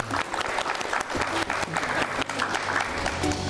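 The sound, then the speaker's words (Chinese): Sustained applause from a large audience in the multifunction hall of Siyuan Hall at Hainan University, welcoming the Cuban Ambassador to China to speak about Cuba, dense and steady clapping with no talking over it. “接下来咱们用最热烈的掌声有请古巴驻华大使白世德先生来为我们介绍一下古巴，掌声欢迎。”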